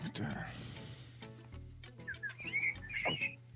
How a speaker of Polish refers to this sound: Ale fajnie ptaszki ćwierkają